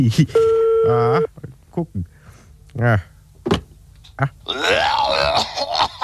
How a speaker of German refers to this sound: Bringst mir jetzt zum Telefon, ich will mal bei Kurt anrufen